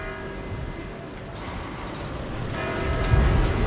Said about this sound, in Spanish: Son las 8. Mira, escucha las campanas.